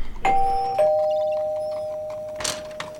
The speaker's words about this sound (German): Ich klingel mal.